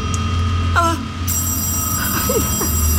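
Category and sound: household object, telephone bell ringing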